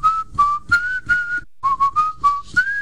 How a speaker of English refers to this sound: When I see so many good-looking cars, I just whistle.